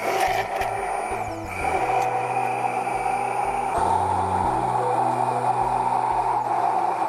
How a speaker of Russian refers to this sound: Дальше мы берем блендер и начинаем туда потихоньку вводить растительное масло тонкой струйкой. Вот так вот.